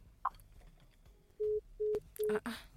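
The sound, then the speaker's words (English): A telephone line sounds three steady, evenly spaced electronic beeps of an incoming call, each lasting about a quarter second, loud over faint background rustle and a brief click. “Anyways, you can call me back because I see the phone line is actually buzzing, but we're having a conversation, so I couldn't take it.”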